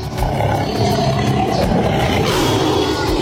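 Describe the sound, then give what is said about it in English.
A deep, rumbling tiger roar, loud, rolling on continuously for about three seconds with a gritty, growling texture and no voices. “on your International Tiger Day.”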